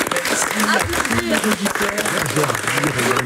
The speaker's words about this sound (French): Applaudir évidemment.